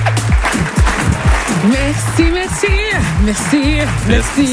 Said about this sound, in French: Merci beaucoup. Merci, ça applaudit en face.